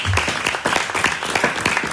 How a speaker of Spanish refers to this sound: ¿Cuánto dan gloria a Dios? Hermano, démosle palmas fuertes a Él.